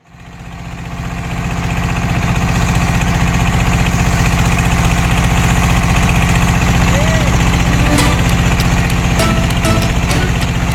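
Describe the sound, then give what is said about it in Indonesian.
A small ketek river motorboat engine chugs loudly, swelling up in the first second and then holding a steady, rattling drone throughout, with a few faint clicks near the end, on a river trip from Sungsang port at Tanjung Api-Api, Banyuasin, South Sumatra, to Sungsang 4 village. “Perahu ketek menjadi sarana tercepat perjalanan sungai menuju Desa Sungsang 4.”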